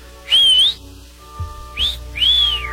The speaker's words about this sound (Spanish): Día del silbido, Whistle Day, así se le llama, Whistle Day, Día del silbido. ¿Cuál es el silbido más común?